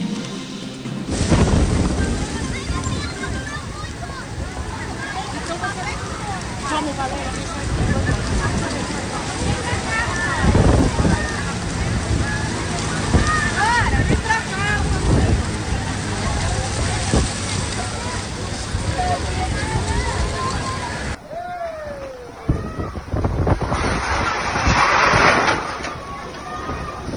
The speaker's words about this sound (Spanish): Y en Río de Janeiro tienen estas ráfagas, así de impresionante. Alcanzaron 92.5 kilómetros por hora en la base aérea de Santa Cruz, Campo Grande.